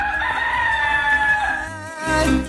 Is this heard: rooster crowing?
yes